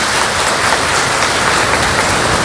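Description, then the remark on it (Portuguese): Dense, steady applause from a gathering welcoming priests and religious sisters, broadcast on FM Sucesso 95 of Serra do Ramalho: a continuous crackling wash of many hands clapping at once, fairly loud and unbroken, with no voices over it. “Vamos dar também uma salva de palmas bem bonita.”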